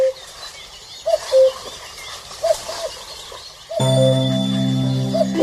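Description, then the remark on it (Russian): A cuckoo calls several times in soft two-note phrases over a hushed outdoor background, then gentle sustained music swells in while one more call sounds faintly. “И Гоша рассказал ребятам сказку о кукушке.”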